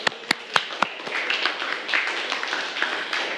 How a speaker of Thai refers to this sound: ซึ่งข้อนี้ถูกต้องปรบมือให้กับเพื่อนเลยค่ะ